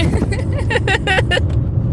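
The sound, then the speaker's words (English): Steady low engine and road rumble fills the inside of a moving car carrying a group of boys, with muffled voices rising briefly in the middle before the drone carries on alone. “I got a bunch of boys in the car here.”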